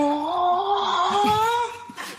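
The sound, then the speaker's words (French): ChatGPT imitates a cow's moo as a strained, breathless panting cry, as if the cow were out of breath: one long, wavering tone that rises slightly and sags, with a rough, airy edge and a brief breathy gasp at the end. “Salut ChatGPT, est-ce que tu peux imiter le bruit d'une vache en faisant un cri haletant comme si la vache était à bout de souffle?”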